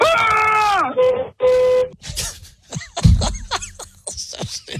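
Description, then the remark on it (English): Two loud, blaring car horn honks, the first long with a sagging pitch at the end and the second shorter and steady, followed by people talking over some background clatter. “Because there was a honk, and it was more honking, and it was a lot of honking.”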